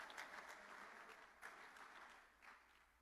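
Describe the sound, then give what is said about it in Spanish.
A church audience claps together in steady, sustained applause during a worship service, a dense wash of many hands with a few louder swells, and no voices standing out. “Digamos amén, demos un aplauso para que espante el sueño alguno.”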